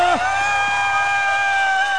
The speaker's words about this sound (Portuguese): Quem gostou dá um gritinho.